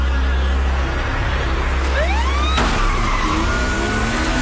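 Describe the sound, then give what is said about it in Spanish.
In a Korean action film, a police siren wails upward over the loud, steady roar of a speeding car engine, then the scene cuts abruptly to continued rumbling traffic and a fainter siren tone. “Sirenas policiales, velocidad, acción y un acento asiático.”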